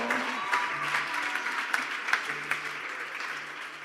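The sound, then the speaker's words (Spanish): A church audience applauds the young people, clapping steadily for several seconds, a dense, continuous patter of many hands with a few sharper claps standing out, at moderate volume with no talk over it. “Un aplauso a los jóvenes.”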